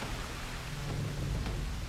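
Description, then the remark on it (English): A steady wash of heavy rain fills the scene, with a deep, low rumble rolling underneath like thunder during a great storm at sea. No voices are heard. “Pick me up and throw me into the sea and it will calm down, for I am to blame for this great storm.”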